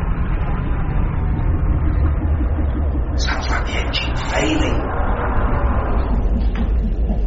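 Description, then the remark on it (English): A loud engine rumbles steadily, then coughs and sputters in a cluster of irregular, rattling bursts before settling back into a strained, uneven drone, the sound of the engine failing. “Sounds like the engine's failing.”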